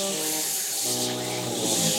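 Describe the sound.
Several voices imitate the billowing, foaming Red Sea in a play about Moses, with a steady hissing, shushing whoosh and a droning hum underneath, holding for about two seconds and swelling slightly louder near the end.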